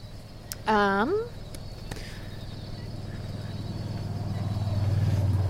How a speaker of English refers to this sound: Ooh, this is an urban swamp. We got cars coming by.